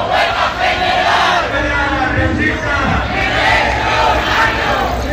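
A large crowd of protesters at a Sindicato de la Vivienda housing demonstration in La Rioja, Spain, shouts chants of "¡Vivienda Universal! ¡O Huelga General!" in unison, a loud, continuous roar of many voices with rhythmic swells, sustained throughout without any single voice standing out.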